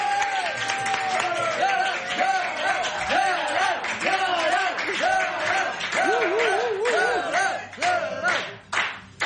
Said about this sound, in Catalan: Rebem amb un fort aplaudiment a ….